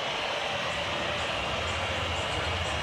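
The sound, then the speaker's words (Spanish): A large stadium crowd at an Argentina football match whistles in protest, a dense, continuous shrill wash of many whistles over a steady roar, loud and unbroken throughout, with no talking. “El momento, escuchen, escuchen la silbatina del público.”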